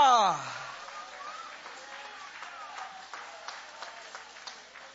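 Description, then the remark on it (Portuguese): An audience applauds in a steady, dense patter of clapping that carries on for several seconds, following a brief loud exclaimed voice at the very start. “Levanta a mão aplaudindo, levanta a mão adorando.”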